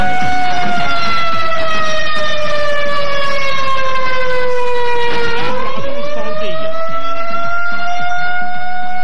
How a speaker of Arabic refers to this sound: العدو السعودي اطلاق انذار في الرياض للتحذير من خطر. عاجل عاجل اعلام العدو السعودي اطلاق انذار في الرياض للتحذير من خطر.